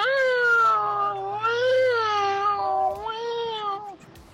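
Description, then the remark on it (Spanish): A voice imitates sobbing, as of an alarm crying at a funeral, drawing out a long, wavering wail that rises and dips in pitch for about four seconds, loud, with no other talk. “Bueno, y pues está la alarma llorando.”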